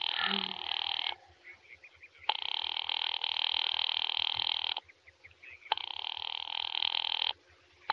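telephone line ringing

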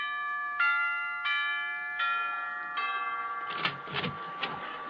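doorbell ringing

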